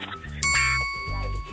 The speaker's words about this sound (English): Yeah, he keeps ringing the doorbell.